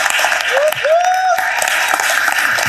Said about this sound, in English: So please give them a round of applause for doing it in the classroom.